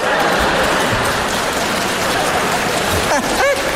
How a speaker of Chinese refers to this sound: 谢谢各位智慧的掌声。 谢谢。